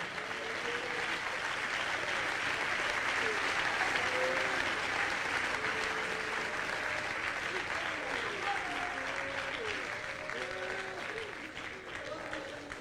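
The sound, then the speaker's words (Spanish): An audience claps steadily in praise to the King (Christ) for several seconds, a dense, sustained wash of applause, with scattered voices calling out and cheering underneath the clapping. “Dele palmas al Rey.”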